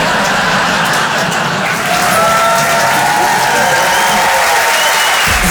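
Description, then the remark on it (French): Steady, dense audience applause fills the whole stretch at an even loudness, with a few faint whoops and crowd voices mixed into the clapping. “Voilà, merci, ça c'est les gens bien, ceux qui ont pas applaudi, c'est des jaloux.”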